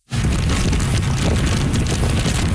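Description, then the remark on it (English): A constant roar of Super Typhoon Bavi's wind and heavy rain in Keelung on the northern tip of Taiwan, winds of 144 km/h gusting to nearly 200, with deep buffeting rumbles and a dense hiss across the highs, steady and loud throughout with no voices. “That's how the storm sounded in Keelung on the northern tip of the island. Heavy rain, along with wicked winds of 144 kilometers an hour, gusting to nearly 200.”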